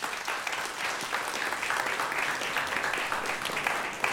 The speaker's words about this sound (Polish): Brawa dla Państwa.